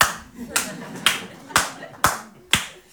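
Six sharp, evenly spaced claps land about every half second, like slow rhythmic applause, over a faint low murmur.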